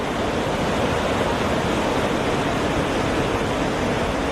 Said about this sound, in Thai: รถม้าพระที่นั่งได้เดินทางมาถึงน้ำตกลาเตฟอร์สซึ่งมีความสูงถึง165เมตรเป็นน้ำตกที่ยังคงได้รับความนิยมจากนักท่องเที่ยวมาจนถึงปัจจุบัน